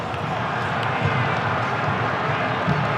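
A large stadium crowd at a football match involving Belgium gives off a steady, restless murmur of discontent, a dense wash of voices with no clear cheers or individual words standing out.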